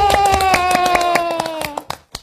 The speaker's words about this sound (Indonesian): Tepuk tangan yuk. Ayo.